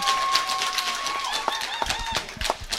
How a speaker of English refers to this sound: we are down here at the Dance Hall at the Warwick Showgrounds at the Doug Fates Pavilion. We've got a big group of dancers here tonight. If you're sitting around on your Saturday night, yes, give us a big cheer, everyone. Let us know you're here.